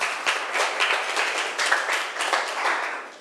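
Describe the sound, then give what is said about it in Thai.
Students clap together for a classmate who has just answered a question, a brief burst of steady, fairly loud applause, the many hand claps blending into a dense, lively patter that carries on for a few seconds without talk. “ค่ะปรบมือให้เพื่อนหน่อยค่ะ”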